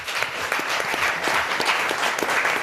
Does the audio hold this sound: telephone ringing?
no